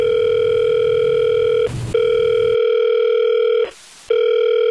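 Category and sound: signal or alarm, telephone dial tone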